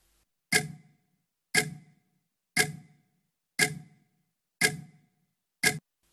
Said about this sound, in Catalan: Evidentment és el tic-tac.